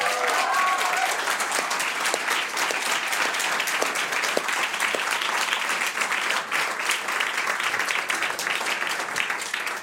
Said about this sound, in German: Marie Spähmann, großen Applaus, schön, dass du da bist.